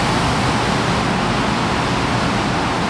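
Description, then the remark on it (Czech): A loud, steady roar of rushing water inside the Štěchovice pumped-storage hydroelectric power station, a dense continuous wash of noise with deep rumbling underneath and no pauses or voices. “Sílu vody si uvědomím okamžitě.”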